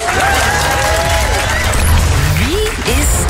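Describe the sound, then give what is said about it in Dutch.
A crowd applauds loudly and steadily for a few seconds, with cheers and whoops rising over the dense clapping, which stays continuous throughout. “Dat mag doen na het applaus.”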